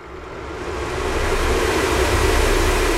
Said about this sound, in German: Da ist so ein Ventilator schon nicht schlecht.